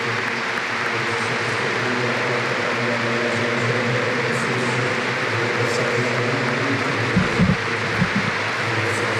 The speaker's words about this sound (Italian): E l'applauso di San Siro, lo ascoltiamo ancora.